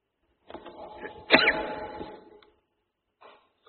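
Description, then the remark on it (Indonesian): A single, fairly loud sneeze: a short breathy build-up, then a sharp explosive burst that trails off. Brief quiet follows, then a faint sound near the end. “Alhamdulillah. Yahdikum wasbibah.”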